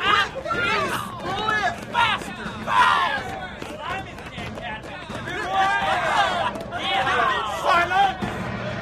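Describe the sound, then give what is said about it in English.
A crowd of male prisoners on a ship's deck cheering and shouting together as they watch a lone prisoner rowing a ship's boat, chased by soldiers and sailors; loud overlapping voices whooping and yelling in a continuous excited din with rising calls throughout. “Up on the deck, some of the other prisoners were celebrating”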